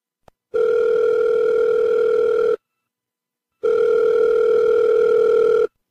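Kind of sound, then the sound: signal or alarm, telephone ringing tone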